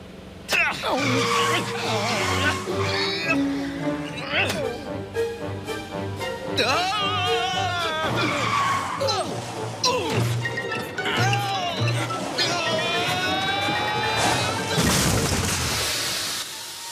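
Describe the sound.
Tires screech and skid repeatedly over a busy, loud mix, with crunching crash impacts breaking through; voices can be heard amid the chaotic commotion.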